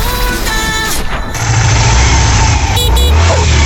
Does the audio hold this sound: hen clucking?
no